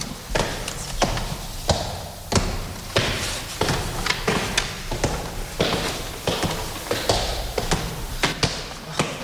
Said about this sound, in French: Ça, c'est la porte capitonnée. Porte capitonnée qui marque l'entrée de la chambre de Frédéric Chopin, de l'ancienne chambre de Frédéric Chopin.